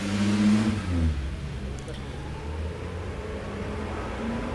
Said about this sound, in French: Passe une camionnette jaune des postes qui tourne dans la rue où nous sommes garés.